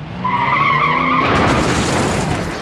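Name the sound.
car skidding and crashing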